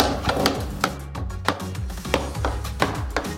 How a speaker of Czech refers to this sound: Takže uvnitř je plamen, ano? Uvnitř je plamen, tam je ohniště a postupně se to ohýbá. Slyšíme praskání, ano?